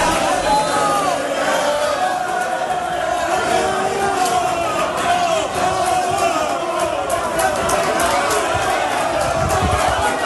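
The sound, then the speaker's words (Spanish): A large crowd of Málaga football fans cheers and chants loudly and continuously, many voices blending into a dense, sustained roar with shouts rising above it, welcoming the Málaga team as it arrives at its hotel in Las Palmas, Gran Canaria. “Así ha sido recibido el Málaga la llegada del hotel de Las Palmas.”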